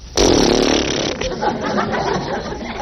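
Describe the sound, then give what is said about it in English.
A voice imitates an elephant spraying water from its trunk: a loud, wet, sputtering blast that starts abruptly and carries on for over two seconds, buzzy and spluttery like a raspberry. “He went, and he got some water, and he went”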